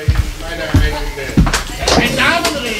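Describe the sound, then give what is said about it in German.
Three firm knocks on a wooden door, evenly spaced, each a dull thud, with murmured voices continuing in the background afterward. “Hat es noch nicht geklopft? Schauen Sie mal nach, wer da ist.”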